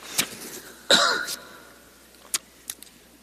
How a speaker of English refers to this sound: In this passage, pardon me, I'm going to cough.